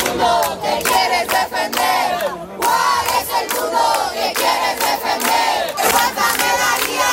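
A crowd of neighbours shouts together in support, crying 'no estás sola' ('you are not alone') as a woman is carried out on a stretcher in the morning. Many overlapping voices are raised in loud, sustained cries that surge and dip in waves for several seconds.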